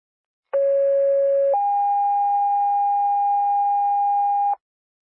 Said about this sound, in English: Attention Waterford Rescue, this is the second set of tones for the call at 620 First Street, Unit 6, requesting additional tones for a driver per 733.